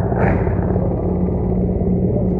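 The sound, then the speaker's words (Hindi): Mi-17 helicopters flying overhead, showering flower petals as they pass over the ramparts of the Red Fort, make a loud, continuous low rumble with a fast, pulsing rotor beat running through it. No voices are heard. “और इस समय आकाश में जो स्वर हमें सुनाई दे रहे, ध्वनि सुनाई दे रही है, वो उन हेलीकॉप्टर्स की है जो पुष्प वर्षा करते हुए लाल किले के प्राचीर के ऊपर से गुजर रहे हैं और लोगों की निगाह उसी आसमान की तरफ है।”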